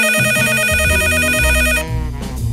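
A telephone rings at a neighbor's home as the police call her, a bright, rapidly trilling electronic bell tone, steady for nearly two seconds, then cuts off, leaving a faint murmur of background sound.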